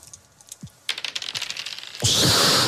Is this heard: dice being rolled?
yes